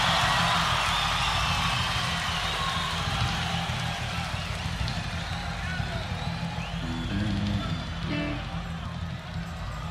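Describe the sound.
A large crowd applauds and cheers as a band takes the stage at a concert. The applause is a dense, steady roar that stays loud for the whole stretch, with scattered shouts and voices mixed into the clapping.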